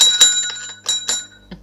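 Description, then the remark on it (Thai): A small bell rings several times in quick, uneven bursts, its bright metallic tone lingering between strikes. It sounds fairly loud, with no talking. “โอ้โหกระดิ่งก็แย่เลย”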